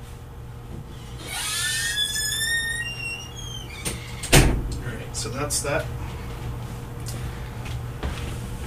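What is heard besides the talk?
door being closed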